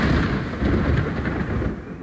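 A deep, continuous rumble of thunder from a short but intense rainstorm in Cox, Baix Segura, Alicante, Spain, rolls on for a couple of seconds, loud and heavy in the low end, with no voices present.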